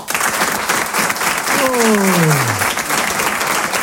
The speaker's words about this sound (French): Applaudissez pour voir ceux qui habitent sur Paris.